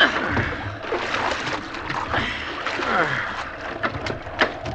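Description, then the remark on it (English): Water sloshing and splashing steadily around a small boat in the wind, with irregular scoops and splatters as the cook bails it, moderately loud against a constant wet rushing background. “If this wind holds and the boat don't swamp, we can't do much else. Bail here, Cook.”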